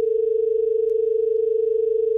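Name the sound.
telephone tone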